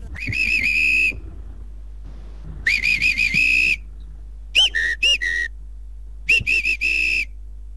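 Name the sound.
person imitating a whistle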